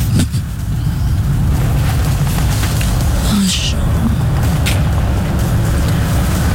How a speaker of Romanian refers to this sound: În sfârșit o mașină, da. Un cap de tir.